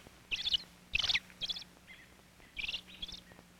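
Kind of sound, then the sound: bird, robin calling excitedly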